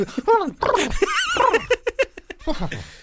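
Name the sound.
person imitating a dog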